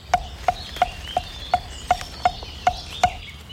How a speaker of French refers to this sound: Charbot là par là ? Charbot. Mésange charbonnière.